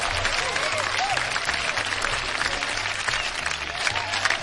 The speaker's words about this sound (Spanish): Un aplauso para todos los que somos.